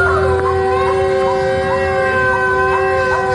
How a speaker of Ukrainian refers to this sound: У Херсоні звучить тривога. До речі, дуже такий специфічний, безперервний звук.